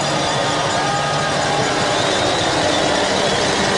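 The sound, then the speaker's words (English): A loud, continuous wash of many cowbells, rung by Chiefs fans at a Waikato rugby match, clanging together into a dense metallic roar with crowd noise and no pauses. “And just listen to the cowbells start to ring.”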